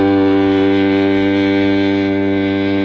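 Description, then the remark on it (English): A loud boat horn sounds one long, unbroken low blast with a rich, buzzy tone, holding steady for about three seconds with no one speaking. “Where's my boat horn?”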